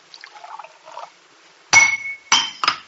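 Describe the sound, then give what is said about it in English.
A faint trickle of wine being poured gives way to a wine glass slipping from a hand and hitting a hard surface with a sharp, ringing clink, followed by two more quick clattering knocks. “The glass, slipped from my hand.”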